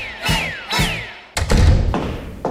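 Two sharp clicks with thin, falling squeaks lead into a heavy thud of a door being shut, followed by a brief rattle and one last light knock. No one speaks.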